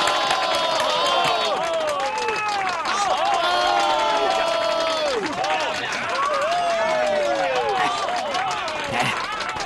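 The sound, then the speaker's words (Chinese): An audience in a shop cheers and whoops loudly for a qin player, many overlapping voices rising and falling, with applause clattering underneath in a steady, unbroken wash of noise. “你听到刚才的掌声了吗？”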